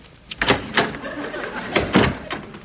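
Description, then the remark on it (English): A front door being handled, with a few dull wooden clunks and thumps spaced irregularly over a couple of seconds, fairly soft, with no one speaking. “Oh, see who is that at the front door, will you”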